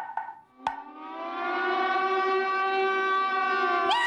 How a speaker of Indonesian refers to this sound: Ah, alarm tsunami bunyi. Ah, harus lari ke tempat tinggi. Harus lari ke tempat tinggi.